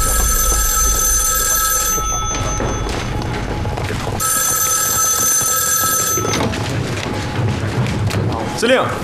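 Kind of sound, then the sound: signal or alarm, telephone ringing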